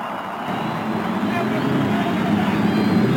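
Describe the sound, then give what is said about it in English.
A loud, dense roar of many race car engines being started together along the main stretch before a race, after the cheers of over 300,000 fans, a steady mechanical drone that swells slightly as it goes on, with no clear pauses. “After the cheers of over 300,000 fans, the engines are started along the main stretch.”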